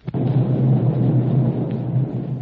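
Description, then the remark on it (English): A deep explosion from Galto Island, just off starboard, booms out with a sharp onset, then rolls into a sustained low rumble lasting over two seconds, loud and thunder-like, with no voices. “And those explosions are coming from Galto Island.”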